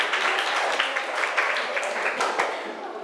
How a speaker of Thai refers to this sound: ปรบมือให้เพื่อนเก่งมาก